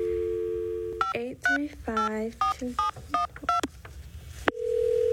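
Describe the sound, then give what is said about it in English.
A steady dial tone gives way to a quick run of short, uneven beeps as a phone number is punched in to call someone, then a tone returns, all fairly loud. “I think I'll call Leanne right away and see what she has to say”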